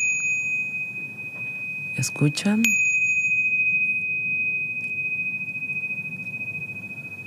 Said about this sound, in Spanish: Esto es un tingash o campanas tibetanas que se utilizan para iniciar una sesión y para finalizar.